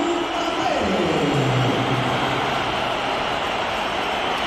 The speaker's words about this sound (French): Là, ça s'appelle une bronca, des sifflets déjà entendus un peu plus tôt à l'échauffement. C'est la crise, hein, pour pas dire la rupture, très clairement, entre le public madrilène et Kylian Mbappé.